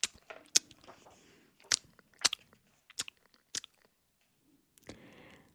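Soft, wet smacking and chewing sounds of mice eating cheese at the edge of a field, with irregular little clicks and crunches spaced across a few seconds and brief quiet gaps between bites; no one speaks.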